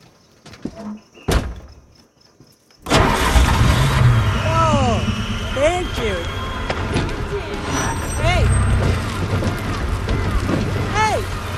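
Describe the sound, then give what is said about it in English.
After a quiet moment and a single thunk, a car engine, just fixed under its hood, suddenly roars to life and keeps running loudly and steadily, with high squealing chirps rising and falling over the rumble. “Try the engine.”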